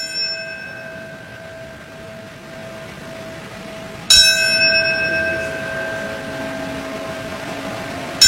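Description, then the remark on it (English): A ceremonial bell rings at the 9/11 Memorial and Museum in New York City during a ceremony remembering the attacks 25 years on, in slow, measured strikes roughly four seconds apart, each loud and clear, its bright tone sustaining and humming between strokes. No voices are heard. “The sixth bell marks the moment the North Tower collapsed at 10:28 a.m.”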